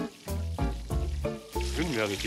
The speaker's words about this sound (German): Die Schweineschnitzel nehmen ein Vollbad in heißem Butterschmalz.